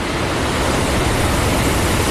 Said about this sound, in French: Le bruit des vagues, le soleil.